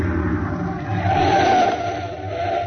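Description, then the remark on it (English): A truck engine rumbles steadily, a low droning hum that swells slightly and then eases off as the truck pulls up and stops. No voices are heard. “Now, we leave the truck here.”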